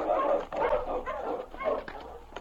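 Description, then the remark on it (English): Husky sled dogs named King and Husky, being urged on by their driver, bark and yelp excitedly in a quick, continuous string of overlapping barks, fairly loud, with no talking. “On, King! On, Husky!”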